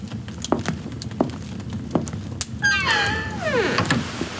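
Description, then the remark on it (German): A few soft knocks and clicks give way to a long, drawn-out creak that bends downward in pitch as Count Dracula slowly closes a door, with no voices. “Mit einem durchdringenden Blick und einem nicht zu deutenden Lächeln schloss Graf Dracula die Tür und ließ mich allein.”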